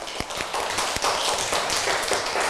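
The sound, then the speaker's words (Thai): A group of children clap their hands together for a classmate during a lesson in a steady, dense burst of applause, with a few sharper claps standing out, lasting the whole moment without any talking. “เก่งมากปรบมือให้เพื่อนค่ะgive a big hand to your friend ปรบมือดังๆค่ะ”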